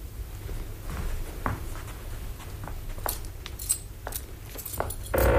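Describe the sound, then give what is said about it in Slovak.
Metal keys jangle and scrape in the lock of a chest as someone struggles to lock it with a sticking key, in a series of short, irregular clicks and rattles, ending with a louder clunk; no one speaks. “Už idem, nemôžem dobre primknúť. Kľúč sa mi zasekol.”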